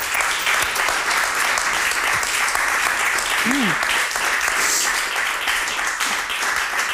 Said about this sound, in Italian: Come non farlo questo applauso?